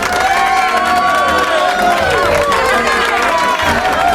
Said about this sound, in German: Unglaublich, dass der immer so viel Applaus kriegt.